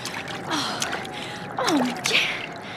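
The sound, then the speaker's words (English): Water sloshes and splashes as someone wades through deep floodwater covering a floor, with a few heavier splashes and a sharp breathy gasp, fairly loud throughout. “The water's a lot deeper than when I came in.”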